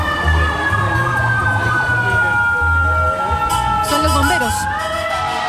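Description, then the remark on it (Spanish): A fire engine's siren wails loudly and steadily over rumbling traffic as firefighters ask to pass at Independencia and Las Heras streets, its pitch sliding slowly downward as it passes, with sharp bursts of horn-like noise near the end. “Los bomberos pidiendo pasar justo por el sector.”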